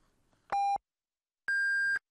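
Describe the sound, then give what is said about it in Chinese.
Two loud electronic time-signal beeps on China's Yicai (First Financial) radio with nothing else around them: a short lower-pitched tone, a second of silence, then a longer, higher-pitched tone marking exactly 13:30 Beijing time. “现在是北京时间13:30，让投资更高效的汇正财经，请您准确对时”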